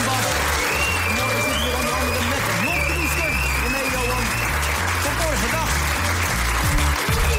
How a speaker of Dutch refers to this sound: Geef er even een applaus, dames en heren.